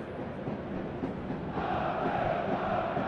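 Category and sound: crowd, football stadium crowd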